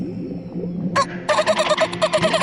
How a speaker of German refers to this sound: Elfina keckert. Diese Rufe benutzen Delfine, wenn sie sich über weite Entfernungen verständigen wollen. Das klingt voll komisch.